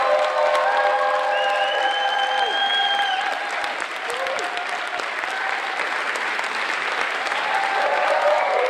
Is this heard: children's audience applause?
yes